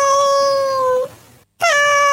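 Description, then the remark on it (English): Two drawn-out, loud cat meows, the first long and slowly falling in pitch, then a brief silence before a second meow that starts bright and settles into a steady cry. “Thanks, Bear, for setting my three English Toy Terriers off in the bus as we head off to work, guessing they don't like cats. Now, was it this sound? This one?”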